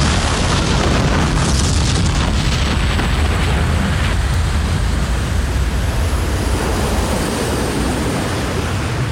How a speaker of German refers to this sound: Schließlich riss das Schiff mit einem grellen Blitz auseinander und verschwand im leuchtenden Kugelball einer ohrenbetäubenden Explosion.